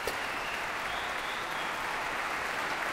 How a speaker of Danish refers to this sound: Der bliver klappet og klappet og klappet. Og folk bliver stående op og klapper. Og det gør de så lige indtil, at han går ud og kommer ind igen og sætter sig ved klaveret.